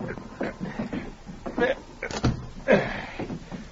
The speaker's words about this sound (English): I'll drag him inside the cabin. We'll close the door.